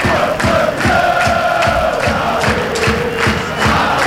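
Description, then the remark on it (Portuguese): FC Porto fans at the Municipal do Fontelo chant in unison as they celebrate with the FC Porto players, led by Diogo Costa. Their voices form a loud, sustained, melodic roar over a steady rhythmic beat of claps or stomps that repeats throughout. “Este é o grito que se ouve.”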